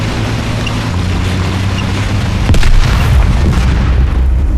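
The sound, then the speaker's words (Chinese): A landmine explosion goes off about halfway through as a single sharp, deep boom, rising over a steady low engine rumble that continues afterward. No one speaks. “是地雷，在管两方向。”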